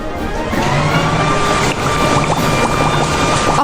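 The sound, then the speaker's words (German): A loud, steady leaf blower roars with a high motor whine, a garden hose held in front of it so its rushing air mixes with a hissing spray of water, continuous for a few seconds with no talking. “Jetzt hält er den Gartenschlauch vor den Laubbläser.”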